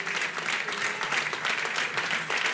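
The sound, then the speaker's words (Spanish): An audience in Vitoria-Gasteiz, Basque Country, applauds two representatives of the Pincho de Euskal Herria in dense, sustained applause, a crackling wash of many hands at an even, fairly loud level throughout, with no talking over it. “Un aplauso para ambos.”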